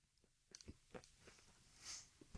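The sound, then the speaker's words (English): Crisp crunching of someone biting and chewing a Fizz apple, a series of sharp wet crunches over a couple of seconds with no talking. “If you appreciate a good apple crunch, then how does this rate?”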